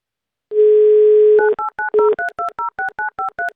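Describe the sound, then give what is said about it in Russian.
A steady dial tone hums for about a second, then a rapid series of short two-pitched touch-tone beeps follows as a number is dialed to call a contest participant live on air on Avtoradio, each beep crisp and evenly spaced. “Итак, звоним участнику.”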